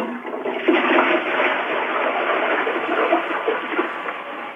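A toilet with bread inside it is flushed, a steady, rushing gush of water that fills the whole few seconds, loud, with no one speaking over it.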